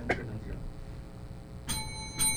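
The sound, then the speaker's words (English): A countdown timer bell at a candidates' forum rings twice in quick succession, marking ten seconds before the end of the second minute, bright metallic dings whose tones hang and shimmer briefly, heard clearly over a low background murmur. “Let's hear the countdown clock.”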